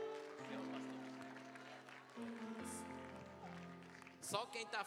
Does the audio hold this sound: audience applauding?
yes